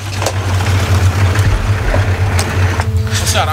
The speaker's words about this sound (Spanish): Viene un auto.